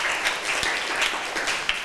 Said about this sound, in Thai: ถูกต้องค่ะนักเรียนปรบมือให้เพื่อนหน่อยค่ะ